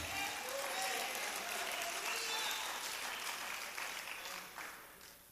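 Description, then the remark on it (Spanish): An audience applauds for the Lord Jesus Christ in a dense, steady wash of clapping that holds strong for several seconds, then gradually thins and fades toward the end. “Den un aplauso al Señor Jesucristo.”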